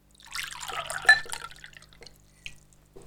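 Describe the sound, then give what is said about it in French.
Water pours from a carafe into a glass in a large kitchen, a bright, splashy gurgle that rises in pitch as the glass fills, then trails off into a few faint drips. “J'ai soif, je trouve une carafe d'eau et je me remplis un verre.”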